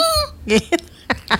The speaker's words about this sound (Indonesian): batuknya gitu amat.